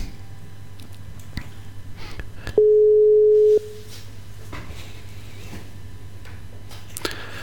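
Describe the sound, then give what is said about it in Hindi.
A single steady telephone line tone sounds for about a second while calling a guest by telephone to bring him on air, clear and fairly loud over a low background hum and faint line noise, with no talking. “देखते हैं कि उनसे कैसे टेलीफोन द्वारा हम अर्थ सेंडिंग में ला सकते हैं।”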